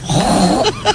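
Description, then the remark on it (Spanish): A woman on Basque regional television (ETV) does a pig impression: a low, rough grunting snort held for most of a second, then two brief higher squeal-like bursts at the end. “Un cerdo.”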